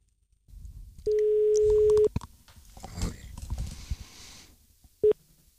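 A steady telephone tone sounds for about a second, followed by clattering handling noises and a short second tone near the end, as a call is placed over a direct line from a Yleisradio radio studio in Pasila, Finland.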